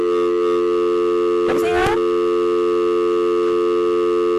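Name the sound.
telephone busy tone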